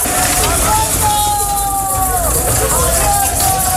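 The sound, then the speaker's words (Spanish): Loud street scene at night in Ceuta, with heavy army trucks carrying migrants to the Tarajal border rumbling steadily past. A wavering siren tone sounds over the engine noise, and indistinct voices of a crowd are mixed in throughout. “Anoche el ejército seguía trasladando en camiones a inmigrantes a la frontera del Tarajal.”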